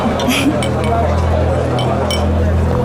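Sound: glasses clinking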